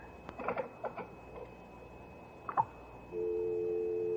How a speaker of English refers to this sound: There's no one on the line. It's just a dial tone.